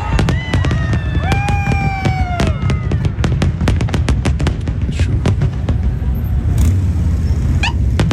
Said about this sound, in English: We're just going to see the fireworks portion of the NBC feed.